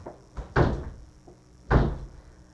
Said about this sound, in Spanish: Ya esta puerta está más dura que la de la presidencial. De repente vamos a tener que engrasar las bisagras.